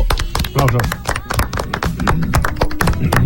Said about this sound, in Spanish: Por favor, un aplauso.